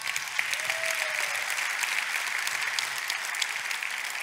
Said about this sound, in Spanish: Dar un aplauso a Cristo.